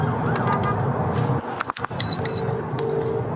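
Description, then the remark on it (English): Wailing police siren tones heard from inside the cab of a moving police vehicle on the M40 motorway while a van blocks its path, partly muffled, over a constant low rumble of road and engine noise. A brief dip in the noise occurs midway. “Must not have been a huge emergency, because you'll hear from inside the cab of their police vehicle how they handle it.”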